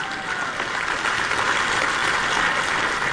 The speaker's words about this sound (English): Let's just clap a little bit because I'm pretty fired up about that.